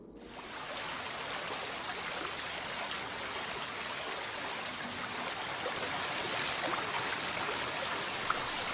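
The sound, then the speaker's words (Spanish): The Cinca mountain river rushes steadily, its broad hiss and bubbling churn filling the whole stretch at an even level, with no voices or other sounds breaking through. “El río Cinca recibe las aguas que bajan del Barrosa y se convierte en la arteria principal de este conjunto de valles”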